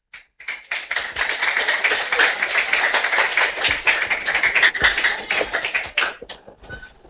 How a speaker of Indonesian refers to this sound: Ya, sekali lagi berikan tepuk tangan